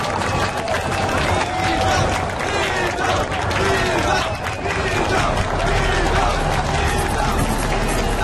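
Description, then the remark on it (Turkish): A large crowd of rebels roars and claps continuously, a dense wall of cheering and applause with overlapping voices, loud throughout. “Elbette etrafımızdaki isyancılarla birlikte biz de alkışlıyorduk.”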